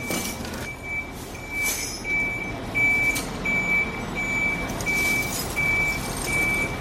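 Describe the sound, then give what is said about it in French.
A truck's reversing alarm beeps steadily, about once every second, over a loud rumbling diesel engine as the truck is positioned to lay a vessel on its side for caulking, with scattered clanks and outdoor worksite noise. “Et donc là, ils sont en train de mettre en place le camion pour la mettre sur le flanc pour faire donc le calfatage.”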